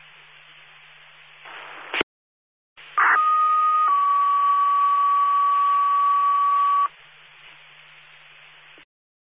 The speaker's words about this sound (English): I'll be testing the tones from this vehicle.